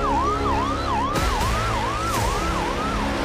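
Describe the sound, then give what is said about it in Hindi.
An ambulance siren yelps rapidly and steadily, its pitch sweeping up and down several times a second, with a couple of sharp knocks cutting through midway. It sounds during a security drill in which commandos form a cordon around the ambulance on the Amarnath Yatra route to Pahalgam. “गाड़ियों की ओट लेकर कमांडो आगे बढ़े और एम्बुलेंस के चारों ओर सुरक्षा घेरा बना दिया।”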